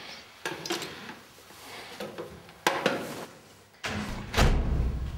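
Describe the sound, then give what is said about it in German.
A door is handled with a few sharp knocks and clatters, followed by a heavier thud and a low rumbling shuffle near the end, with no talking. “Oh, die Tür ist schon offen.”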